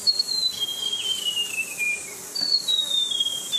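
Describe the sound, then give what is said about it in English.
A white-throated gerygone sings a high, thin whistled phrase that drifts steadily downward in pitch, then a second falling run starts over from the top, with no one talking. “this one's called the white-throated jerigony, and they're gorgeous little birds.”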